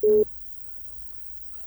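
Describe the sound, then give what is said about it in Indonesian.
A single short, loud telephone busy-tone beep at the very start as a caller's line to a radio phone-in drops, followed by quiet low line hum with no talking. “Oh, sudah terputus mungkin. Sudah terputus.”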